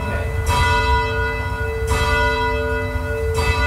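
A church bell, chimed by pulling its rope, sounds three times at a steady, unhurried pace, each stroke loud, its ringing tones lingering between strikes. No one speaks.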